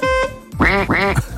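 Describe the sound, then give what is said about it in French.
A short, steady electronic toot, then two loud, nasal duck quacks in quick succession, clear, with no talking; sound effects used in a quiz game to mask words in a song extract. “Je vous fais écouter un extrait de chanson et vous devez retrouver le mot masqué par tutut et l'autre masqué par coin-coin.”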